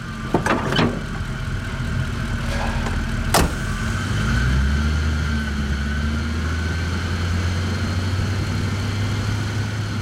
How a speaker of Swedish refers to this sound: Han trycker på startknappen. Den stora motorn går igång med ett mullrande ljud.